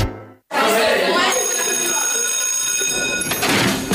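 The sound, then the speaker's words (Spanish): A WhatsApp phone ringtone plays loud, its bright sustained electronic tones ringing steadily for a few seconds after a brief silence, with a busy, noisy background underneath. “WhatsApp.”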